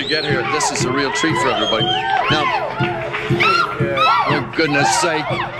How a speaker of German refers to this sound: Und das Publikum hört nicht auf zu jubeln.